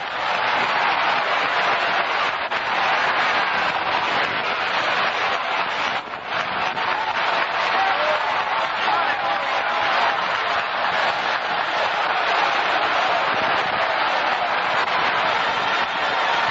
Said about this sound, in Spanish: Démele un aplauso al Señor esta noche.